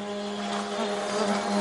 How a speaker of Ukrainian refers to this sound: Петро каже, чи не щодня чує дзищання шахедів.